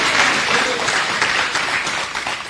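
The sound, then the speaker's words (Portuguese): Sustained, dense applause from a large crowd at a religious service, loud and steady for a few seconds, with scattered shouted voices of praise, 'glória a Deus' and 'aleluia', mixed into the clapping. “Agora vocês vão dar uma salva de palmas misturado com glória a Deus, com aleluia.”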